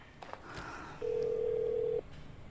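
A mobile phone call goes unanswered: a steady electronic ringback tone sounds for about a second, a single mid-pitched hum over faint background noise, following a few soft clicks, with no one picking up.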